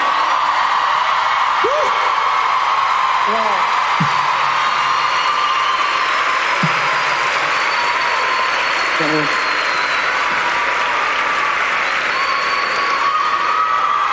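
Loud, sustained audience applause fills the whole stretch as a dense wash of clapping, with scattered whoops and shouted cheers rising briefly above it.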